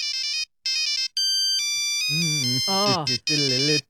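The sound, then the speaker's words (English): A polyphonic mobile phone ringtone of the kind on 2003-era phones such as Nokias plays a catchy pop melody in bright, synthetic beeping notes, loud, in short phrases with brief gaps, later joined by lower, buzzy voice-like tones. “All right, we're talking about 2003, and we're talking about the phones back then, Nokias and polyphonic ringtones.”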